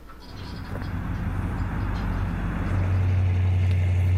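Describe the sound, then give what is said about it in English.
The engine of an old Oldsmobile car rumbles steadily, its low drone swelling louder and deeper as the car drives around, with no voices over the continuous motor noise. “It means you got to listen to a car drive around a little bit here.”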